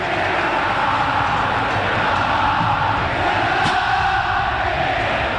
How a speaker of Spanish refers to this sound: La bandera pintada, pensé que el griterío estaba relacionado con que lo salta es un inglés con la bandera de Messi, como ha pasado en otros estadios.